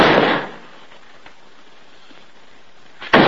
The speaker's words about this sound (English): Jim opens it to reveal Bill dropping a nail barrel against the bare floor.